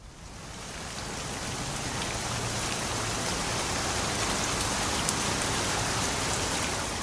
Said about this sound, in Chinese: 接下来要请大家欣赏的歌曲，听到这样子的落雨声，就知道跟下雨有关的歌